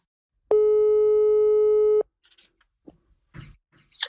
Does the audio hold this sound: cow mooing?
no